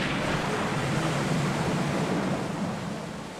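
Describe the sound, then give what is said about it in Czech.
A continuous, heavy roar of rough, stormy sea water and wind washes around the ship Argo, steady, easing slightly toward the end. No voices are heard. “Bouře, nebouře, musíme přece do večera být u Rakahangy.”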